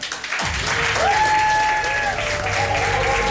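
An audience bursts into steady applause for a guest during a special programme from the Feria del Libro book fair, a dense wash of clapping that starts suddenly and continues without letup, with a faint ringing tone and soft voices mixed in.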